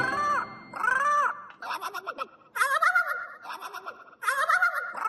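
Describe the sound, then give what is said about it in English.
A small bird calls in a run of about five loud, warbling squawks with brief gaps between them, and no one speaks. “The pretty big thing is that little bird?”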